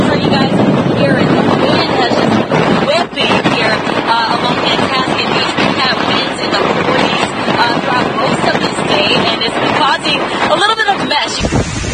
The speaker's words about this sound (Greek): Οι ανατολικές ακτές των Ηνωμένων Πολιτειών συνεχίζουν να πλήττονται από την καταιγίδα Νορ-Ίστερ. Τεράστια κύματα χτυπούν με μανία την ακτή στη Μασαχουσέτη, μια ανάσα από τα σπίτια.